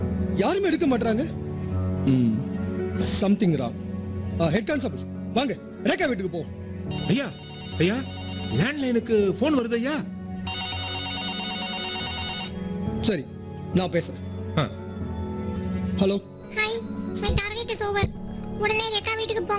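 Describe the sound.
A telephone rings in two short electronic bursts, the second louder and longer, cutting through people talking continuously in the foreground.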